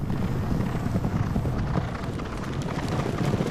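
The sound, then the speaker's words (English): A rapid, continuous thunder of hoofbeats from several racehorses galloping together during a horse race at a racetrack, heavy low drumming with a steady rushing roar, fairly loud, no voices. “Sam's watching another horse race.”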